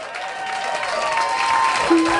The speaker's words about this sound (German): Hier kommt ein Applaus.